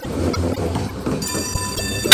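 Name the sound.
tram running on rails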